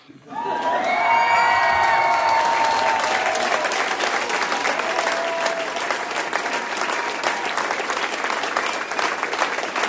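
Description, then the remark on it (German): A large cabaret audience in Bocholt, Germany, bursts into loud, sustained applause with whoops and cheers rising over the clapping, filling the space evenly for the whole stretch. “Also, Jubel!”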